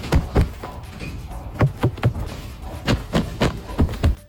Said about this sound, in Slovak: Šuchot vlastného oblečenia, to je tiež na zvuk, že, na ktorý sme podľa mňa akože zabudli v tom bežnom živote.